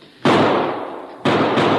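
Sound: gunshots fired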